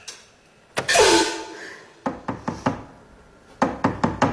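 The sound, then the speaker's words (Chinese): Two quick bursts of firm knocking on Qiu Jin's door by a visitor asking her to open it, about five raps and then four, fairly loud. A short breathy rush of sound comes just before the knocks, and nobody speaks. “谁呀？ 秋瑾姐，开门，是我”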